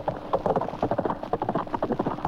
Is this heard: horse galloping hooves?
yes